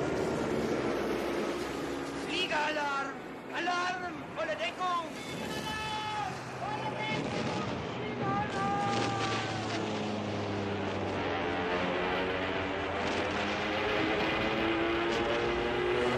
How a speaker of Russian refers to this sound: По небу летят советские самолеты. Начинается бомбежка.